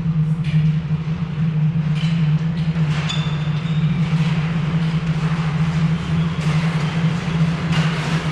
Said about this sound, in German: Die Sonne tauchte als blutiger Fleck hinter den Horizont, als ein Zug in Dorndags Bahnhof einfuhr.